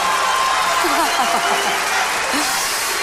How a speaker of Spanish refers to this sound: ¡Un aplauso, por favor! ¿Cómo está la Auditorio Nacional?